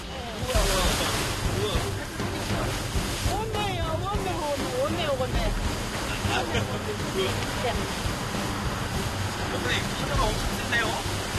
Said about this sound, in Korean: 그런데 이때 무서운 기세로 밀려오는 파도. 배가 심하게 요동치는데요.